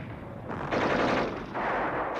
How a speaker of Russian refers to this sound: Мы отстреливаемся 4 пулеметами.